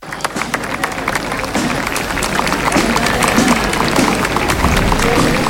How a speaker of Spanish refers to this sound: La vamos a recibir con un fuerte aplauso.